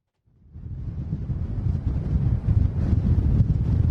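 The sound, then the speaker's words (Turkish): Strong wind roars and buffets the microphone in a low, rumbling gust that rises within the first half second and stays loud and turbulent throughout, with no voices, at the shore in Sarıyer Kısırkaya, Istanbul, during a strong wind blowing since the previous morning. “aslında sizlerin de bahsetmiş olduğu gibi dün sabah saatlerinden itibaren İstanbul'da etkili olan kuvvetli bir rüzgar var.”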